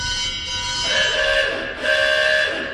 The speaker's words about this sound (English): You got a fire gong.